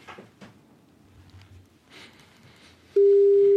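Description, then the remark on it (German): A loud, steady telephone tone starts abruptly near the end after a stretch of quiet background rustling and faint clatter, like a ringback tone heard while a call is being placed to a neighbour in Hohenems. “Und täglich tutet das Telefon.”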